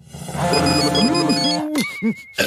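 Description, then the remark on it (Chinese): A smartphone ringtone plays, muffled and smothered inside Garfield the cat's mouth after he took it and its owner dials its number, its warbling electronic melody rising and falling for a couple of seconds with no one talking. “到现在还想耍我，我现在就拨我的手机号码。”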